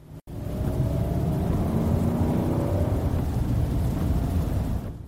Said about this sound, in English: The SUV was speeding up and the engine grew louder.